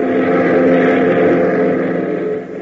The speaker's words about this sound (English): 15 minutes later, the boys are airborne in their Beechcraft, heading for the Greendale Airport, 100 miles to the east.